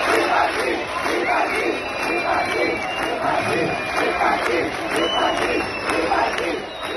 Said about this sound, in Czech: Lidé na jeho přítomnost reagovali pískotem a například skandovali vypadni.